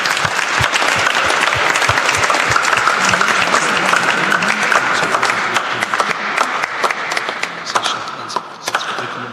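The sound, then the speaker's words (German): Sustained applause from a sizable audience for the Father, dense overlapping claps at steady loudness for several seconds before thinning slightly toward the end. “Aber ein Applaus für den Vater.”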